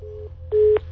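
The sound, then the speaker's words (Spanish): A steady electronic telephone busy tone sounds in short on-off bursts over a low background hum after a caller has hung up, the second burst louder and broader than the first. “¿Colgaron la otra línea?”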